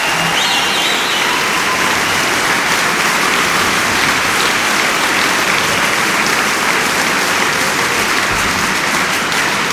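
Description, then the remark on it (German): Sustained applause from a large concert audience in the Metropolishalle, for the colleagues of Radio Potsdam: a dense, steady wash of clapping hands that stays loud and even throughout, with no voices standing out. “Und für diesen Mut, das zu machen, kommt der Applaus aus der Metropolishalle für die Kolleginnen und Kollegen von Radio Potsdam.”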